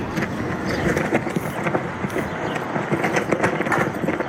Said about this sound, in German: Eine US-Flagge knattert im Wind in der kalifornischen Mojave-Wüste.